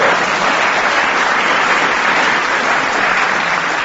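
A crowd claps steadily in sustained applause, a dense, loud wash of many hands filling the whole stretch with no voices breaking through.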